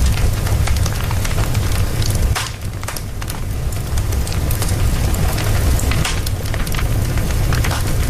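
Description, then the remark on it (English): A fire crackles and pops steadily in a fireplace, with dense snapping and occasional sharper cracks over a continuous low rumble. No voices are present. “I think it's a fireplace. It is a fireplace.”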